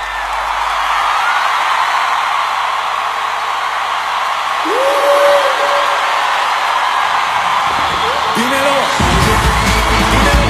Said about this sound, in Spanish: Denle un aplauso a mi esposa